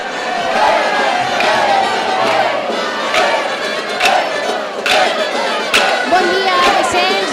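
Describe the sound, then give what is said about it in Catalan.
A large crowd at a street festival in Sitges cheers loudly and steadily, greeting the first pass through the Cap de la Vila, many voices shouting and whooping together, with sharp bursts of yells and whistles rising above the dense roar. “Una boja per saludar aquest primer pas pel cap de la vila.”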